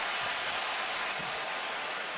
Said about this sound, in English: Now the cheering you hear from the fans, I believe that the Knicks are going to challenge here.